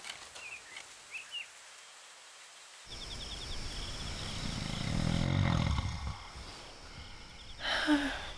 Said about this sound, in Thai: นอนไม่หลับเหรอลูกปู่กรนเสียงดังใช่ไหมล่ะ พ่อกรนดังกว่าคุณปู่อีกค่ะ